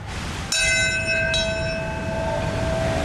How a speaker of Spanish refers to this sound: Sí, ha comenzado el acto con el himno estadounidense y a las 8:46 aquí en Nueva York exactamente han tocado la campana y ha comenzado el primer momento de silencio.